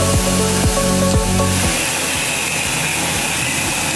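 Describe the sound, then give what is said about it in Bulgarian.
A fertilizer mixer injecting a set fertilizer recipe for feeding plants directly into a drip irrigation line: a steady loud hiss of flowing liquid with a regular pumping pulse that softens into a continuous mechanical whir. No one speaks. “Ето, примерно, тук имаме един миксер за тор, който зададена рецепта за захранене на растенията вкарва директно в капковото.”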